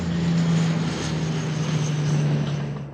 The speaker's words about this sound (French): On va vous montrer justement ces hélicoptères, ces dash, ces canadaires qui survolent la zone.